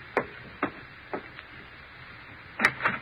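A front door being opened: three sharp, evenly spaced clicks of the handle, a short pause, then a louder cluster of latch rattles and thumps as it swings open. No voices.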